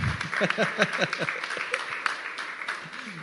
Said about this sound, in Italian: Sì, applauso, ci sta.